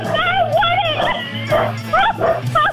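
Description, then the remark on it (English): A dog barks excitedly, a quick series of high, yelping barks and whiny yips in uneven bursts over a steady low hum. “Even the dog is cheering.”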